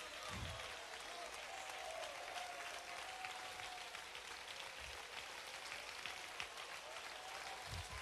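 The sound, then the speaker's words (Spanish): A crowd at a worship gathering in La Unión, El Salvador applauds in a dense, steady wash of clapping that holds at a constant loud level for the full stretch, with faint low thumps and a voice-like tone murmuring beneath. “Que el cielo haga una pausa, que los ángeles se detengan de adorar para escuchar este aplauso en tierra salvadoreña que adora la gloria de Dios.”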